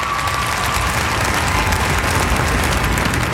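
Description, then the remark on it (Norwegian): Sustained applause from a large audience as King Harald pulls the cord to unveil a 3.5-metre statue in Norway, a dense steady wash of many hands clapping at even loudness throughout, with no voices standing out. “Humorkongen, laksekongen, folkekongen, han viste sitt sanne jeg, og så er det applaus.”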